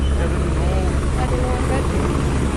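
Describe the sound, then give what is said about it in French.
Steady low rotor thudding of helicopters overhead, amid a crowd of foreign journalists and cars, a continuous loud drone with rhythmic chopping that stays constant throughout, filling the whole scene with no pauses. “Au milieu d'une nuée de journalistes étrangers, de voitures, du bruit des hélicoptères”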